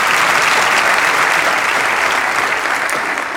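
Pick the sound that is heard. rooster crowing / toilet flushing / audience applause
audience applause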